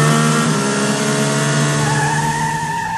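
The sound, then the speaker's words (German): A car engine revs up hard as the driver presses the gas to try overtaking a truck convoy on a country road in the Sauerland, Germany, its harmonic tones climbing steadily in pitch as it accelerates over a few seconds, loud and continuous with no voices. “Es wird aufs Gas gedrückt.”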